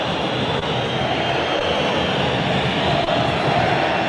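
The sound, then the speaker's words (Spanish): A huge stadium crowd of Racing fans in Avellaneda whistles and chants in protest as the first half of a football match against Belgrano ends, a dense, unbroken roar that stays loud and steady throughout, with no single voice standing out. “Con silbidos, con canto de protesta. Escuchá a la gente de Racing, enojadísima, ¿eh?”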